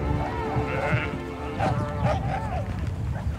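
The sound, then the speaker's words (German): Several sheep, including lambs, bleat in overlapping, wavering calls, some high-pitched, over a steady background hum of the flock, on a high mountain pasture above the village of Falcade as rain begins to fall, with a shepherdess and donkeys. “Der einsetzende Regen stört die Schafe und auch die Schäferin nicht.”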